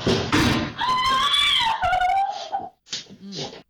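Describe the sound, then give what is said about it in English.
A heavy thud as a woman falls into a door, followed at once by a loud, drawn-out wailing cry and a few shorter sobbing vocal sounds. “That was when she fell into the door.”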